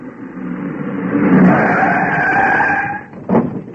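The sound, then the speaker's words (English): A car engine rises as the vehicle approaches, then tyres screech in a long skid before it halts with a brief thud; loud, with no talking. “Have a look in the car, will you?”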